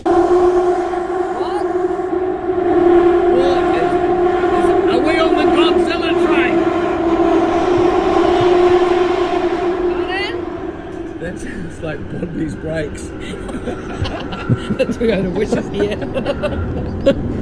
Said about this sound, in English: It's like, you know, when metal scrapes metal and I felt the sides of the train were hitting the tunnel. Yeah, that's what it sounded like. People go to work in this sound every day.